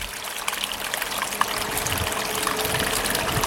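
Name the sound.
small waterfall rushing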